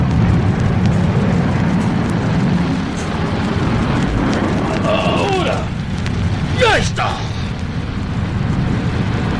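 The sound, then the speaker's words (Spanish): A steady, loud engine roar fills the scene as a small jet's engines power up to full throttle and the jet accelerates through a hangar toward the exit, with rising whining tones sweeping upward while voices shout briefly over the noise. “El pequeño jet se desliza rápidamente a través del hangar rumbo a la salida”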